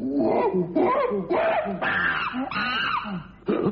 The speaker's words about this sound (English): No, in no way is the animal in question a monkey. It's a civet, the palm civet. It's a type of cat, basically. It's a kind of cat.